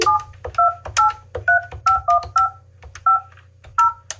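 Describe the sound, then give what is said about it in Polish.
A phone number being dialed to call a mobile phone: a quick string of about ten dual-tone keypad beeps, clear, with short irregular gaps, over a steady low electrical hum. “Dobra, dzwonimy.”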